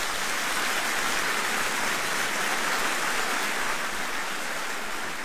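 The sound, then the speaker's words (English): Steady, dense applause from a crowd, a continuous hiss of many hands clapping at once that holds an even level throughout, with no voices breaking through. “Oh, isn't it nice to get applause when you do something as simple as say your name?”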